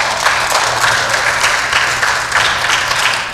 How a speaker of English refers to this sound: Teachers went to people's houses and went with them and brought them to school. They shouldn't have had to do that, but they did, and they deserve those applause.